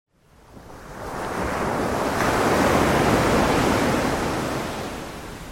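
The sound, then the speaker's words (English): Ocean surf on the Isle of Wight washes onto the shore in a broad, steady rush that swells in over a second, holds full and loud, then begins to ebb slightly. No voices are heard. “at night until 5 in the morning, we bring you 6 hours of uninterrupted Isle of Wight ocean sounds.”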